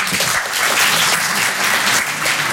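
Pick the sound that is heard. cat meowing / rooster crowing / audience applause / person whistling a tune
audience applause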